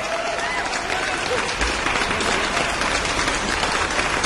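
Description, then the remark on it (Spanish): A crowd applauds steadily for a few seconds, dense clapping at a consistent, fairly loud level with no pauses. “Me encantan esos aplausos.”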